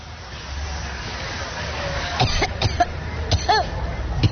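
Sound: coughing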